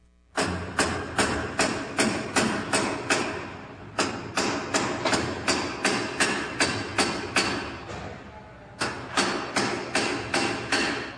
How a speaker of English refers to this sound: The bolts and wing nuts that hold the door shut, they have to be tightened by hammering with a sledge. Cover your ears, sir.